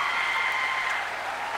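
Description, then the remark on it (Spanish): Steady audience applause fills the whole moment, a dense, even patter of many hands clapping at once, fairly loud, with no voices over it. “Más fuerte el aplauso”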